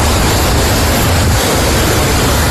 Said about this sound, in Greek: Οχήματα παρασύρονται στη θάλασσα από τα ορμητικά νερά του Βουβιανού ποταμού που υπερχείλησε.